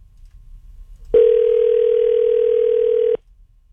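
A single steady telephone tone, like a dial or ringback tone, sounds loudly for about two seconds and then cuts off, over a faint low background hum with no talking.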